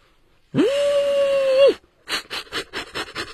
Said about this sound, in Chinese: 这什么声音？ 火车。